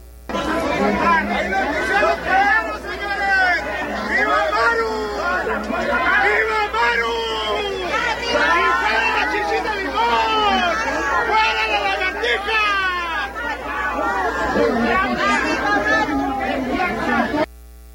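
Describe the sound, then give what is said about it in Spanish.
A crowd of protesters with placards, supporting the governor, shouts and chants together outside the FGR (federal prosecutor's) office in Chihuahua, Mexico; many overlapping voices form a loud, steady roar of chatter and yelling that holds throughout without pause. “pues eso es lo que se vivió en el exterior de la FGR, tanto en Chihuahua Capital como en Ciudad Juárez.”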